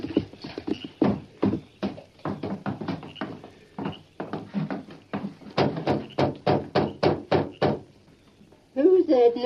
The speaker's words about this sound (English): Knocking at this time of night?